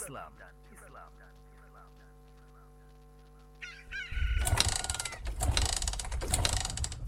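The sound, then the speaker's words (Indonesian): In the early morning, birds chirp over a steady low hum, then a motorcycle engine starts abruptly and keeps running loudly as it is warmed up, its rough, rattling idle rising and falling. “Pagi-pagi gini udah manasin motor.”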